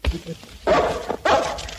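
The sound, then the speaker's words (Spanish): Dogs bark in two loud bursts, each a cluster of overlapping barks, separated by a short pause, with faint low sounds before the first burst. “Pero alejen estos perros, hombre.”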